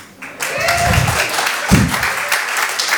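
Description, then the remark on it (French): A brief, modest round of audience applause, about eleven claps counted: scattered, thin clapping that rises quickly and holds steady for a few seconds, with faint low murmuring underneath. “J'ai compté 11 applaudissements.”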